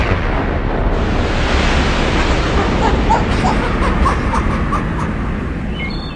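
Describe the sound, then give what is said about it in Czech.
A loud, continuous roar of gushing water from a high-spurting stream surges, a huge wave crashing and churning for several seconds before easing slightly at the end. No voices. “Nakonec obrovská vlna vyvrhla i dva chechtající se vestmeny.”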